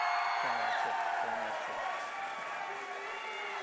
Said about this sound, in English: Who's a fan of St. Francis? Round of applause.